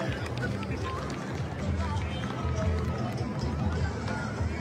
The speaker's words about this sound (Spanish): Aplausos, por favor, para terminar este juramento con su apoyo de ustedes.